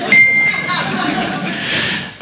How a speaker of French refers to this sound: Avant cela, celui que vous attendez tous, il est connu de New York à Tokyo. C'est une star internationale, il est là pour vous ce soir, mesdames et messieurs, le bip.